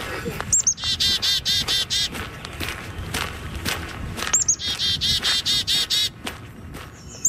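Birdsong outdoors in Edmonton: two bright bursts of rapid, evenly repeated chirping notes, each lasting about a second and a half, over a steady crunch of footsteps.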